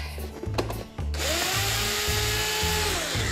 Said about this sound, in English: Peppers are peeled. They're gonna go in my blender with some cherry tomatoes and garlic. Give it a little whiz up.